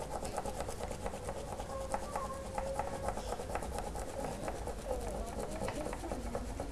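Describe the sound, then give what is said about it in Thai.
Sandpaper rasps steadily across paper in quick, repeated back-and-forth strokes as it is gently rubbed to make a children's artwork, a continuous scratchy rubbing that holds at an even loudness throughout, with a faint voice murmuring underneath. “แบบนี้เลยเด็กๆสามารถที่จะใช้กระดาษทรายรูปร่างอื่นนะคะในการทำผลงานเพิ่มเติมได้นะคะแบบนี้เลยค่ะนี่เราจะค่อยๆฝน”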